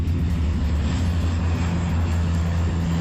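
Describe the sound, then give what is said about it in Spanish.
A firefighting propeller seaplane's engine drones steadily overhead, a loud, continuous low rumble with a throbbing hum that holds constant throughout, with no voices. “también brigadas forestales y dos hidroaviones que ayer recogían agua en el pantano de Ullíbarri-Gamboasi.”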